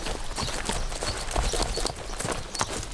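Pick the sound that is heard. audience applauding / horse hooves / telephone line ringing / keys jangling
horse hooves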